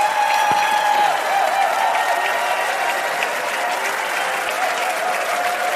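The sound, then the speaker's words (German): A large crowd on an ARD television show applauds loudly and steadily, a dense wash of clapping that fills the whole stretch without pause, with no one speaking over it. “Und da gibt es einen riesen Applaus für unseren Patrick und für unsere jungen Wölfe, meine Damen und Herren.”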